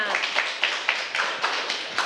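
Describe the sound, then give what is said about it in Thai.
Steady rhythmic clapping, about four claps per second, from a small group applauding the second student group after its presentation in a class, with a faint murmur of voices in the background. “ค่ะขอเสียงปรบมือให้กับกลุ่มที่2ด้วยค่ะ”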